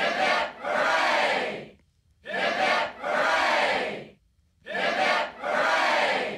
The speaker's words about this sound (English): So let's have three cheers for mighty Captain Cook, who discovered for the Europeans.